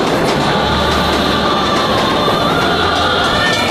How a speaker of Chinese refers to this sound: 长这么大，第一次坐这么久的火车，